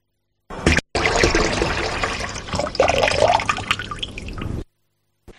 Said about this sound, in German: Zu hören gab es einen laufenden Wasserhahn.